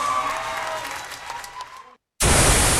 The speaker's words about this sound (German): Applaus.